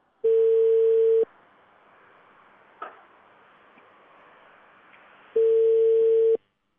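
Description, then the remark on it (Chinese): Two long steady ringback tones on a phone line during a call to the police station window at the Dalinggang town government service centre, about a second each with a gap of quiet line hiss between them, a single low pitch sounding loud and clear with no one talking. “好， 电话正在接通。”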